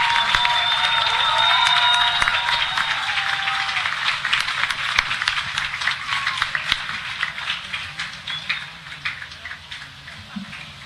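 A warm round of applause from a large church audience thanking their cardinal, dense and steady clapping that starts loud and gradually tapers off, with a few whistles or cheers riding over it early on.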